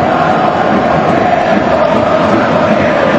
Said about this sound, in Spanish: Muchas camisetas amarillas, pero los que gritan son los japoneses, ¿eh?